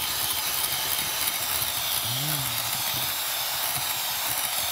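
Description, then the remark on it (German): An electric hand mixer whirs steadily and loudly throughout, a constant buzzing hiss of the motor briefly beating batter smooth after melted butter is added, with a brief dip and rise in pitch partway through. “Jetzt rühren wir das nochmal ganz kurz mit dem Mixer glatt rein.”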